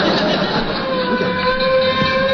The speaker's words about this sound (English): No, I heard a fire truck go by. You heard a fire truck, huh? Mm-hmm. You heard bells, huh?